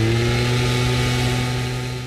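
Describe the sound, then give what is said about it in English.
A gas-powered leaf blower runs steadily, its loud, droning engine holding a constant pitch with a rough mechanical buzz and no pauses. “And a gas-powered leaf blower.”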